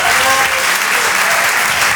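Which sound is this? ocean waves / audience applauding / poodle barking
audience applauding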